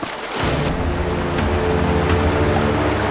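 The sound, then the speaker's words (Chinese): Rushing river water that an American bison calf and its mother are swimming across roars in a steady, dense wash of sound that rises in the first half second and then holds at an even level, with a low sustained tonal hum underneath and no voices. “美洲野牛幼崽必须过河了，这是他第一次看见河流，更别说在湍急的河水中游泳了。”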